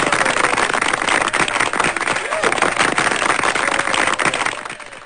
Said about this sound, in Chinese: 好，掌声鼓励一下啊。